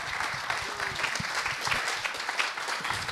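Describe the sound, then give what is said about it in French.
An audience applauds warmly at the Barjac-Manchamp festival, thanking the festival's volunteers: a dense, steady wash of many hands clapping at an even level for the whole stretch, with no voices standing out. “semble des bénéloves du festival Barjac-Manchamp, bien entendu, qu'on remercie et que le public applaudit chaleureusement, parce que oui, c'est grâce à vous qu'on peut venir et qu'on peut profiter des spectacles.”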